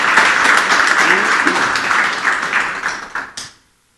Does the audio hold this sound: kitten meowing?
no